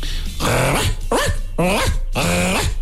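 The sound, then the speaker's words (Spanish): A man imitates a small dog like a corgi with four yappy barks, each a short voiced yelp that bends in pitch, spaced unevenly and sounding loud over a steady low hum. “Estás interpretando a un perro chico.”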